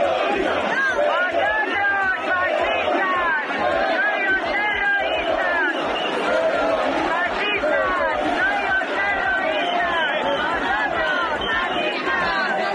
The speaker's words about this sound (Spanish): Tensión con un grupo específico de manifestantes que gritó e intentó agredir a los compañeros de Radio Televisión Española y a un cámara. El sonido es de un vídeo publicado por El Faradio.